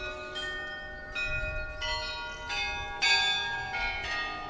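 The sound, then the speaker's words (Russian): Bells of a white-walled monastery peal in a steady sequence of strikes, greeting arriving guests, each ringing out with rich, overlapping tones that hang in the air. No voices, just the resonant clanging continuing throughout. “Густой лес высоких мачт все больше и больше закрывал белые стены монастыря, встречавшего гостей бархатным звоном колоколов.”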